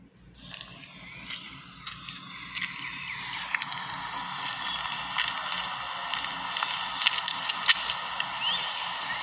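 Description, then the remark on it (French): Footsteps of someone walking outdoors among hosta flowers, recorded on an old mobile phone, a series of soft, irregular crunching steps over a steady hissing background, with no talking. “C'est mon pas que vous entendez.”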